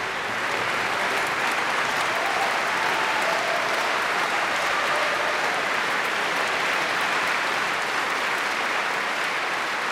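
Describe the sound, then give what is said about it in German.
Sustained applause from a large concert audience in Saarbrücken for the musicians and the Andalusian soloist Javier Perianes after French music including Debussy and Ravel, a dense, even wash of clapping hands that holds steady at full strength for the whole stretch, with no voices above it. “Großen Applaus für die Musikerinnen und Musiker heute zu Saarbrücken.”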